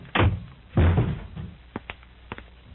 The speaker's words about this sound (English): Don't you ever throw another shoe or any other object against that door.